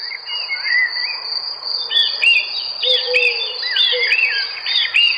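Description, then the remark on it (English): Several birds sing and warble continuously outdoors in a garden in summer, overlapping chirpy phrases at moderate volume, with a steady high insect-like trill running underneath throughout. No one speaks. “Birds singing in the garden and Dad trying to light the barbecue.”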